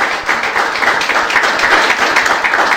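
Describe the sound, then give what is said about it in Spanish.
An audience gives the Lord steady, dense applause, many hands clapping at once in a loud, continuous patter with no voices rising above it. “Así que damos gracias a Dios y damos un aplauso al Señor por eso.”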